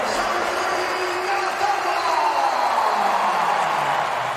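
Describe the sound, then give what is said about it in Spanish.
A large stadium crowd stands and applauds as Cazorla comes on in the 53rd minute of the football match, Real Madrid players included: a dense, continuous wash of clapping and cheering that stays loud and steady for the whole stretch, with a faint rising tone threading through the roar. “Minuto 53, entra Cazorla al juego y todo el estadio en pie aplaudiendo, jugadores del Real Madrid incluidos.”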